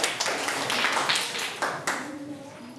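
A group of children claps together in a dense, steady patter of hand claps lasting a few seconds, with a couple of sharper individual claps and faint voices underneath.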